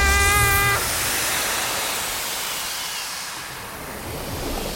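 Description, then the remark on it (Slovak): Steady murmuring sea waves, a continuous broad wash of surf that swells slightly and never pauses, with a brief high whistling tone at the very start and no voices. “Ako sa máš, more? Šumí. Na čo šumíš?”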